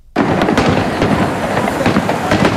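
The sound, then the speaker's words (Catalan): A dense, loud barrage of fireworks bursts continuously at night in the three Valencian provincial capitals, celebrating the Valencian day, with some wind blowing; overlapping crackles and booms fill the air after a sudden start, no voices heard. “La celebració d'aquest dia de reivindicació començava a nit amb castells de focs artificials a les tres capitals.”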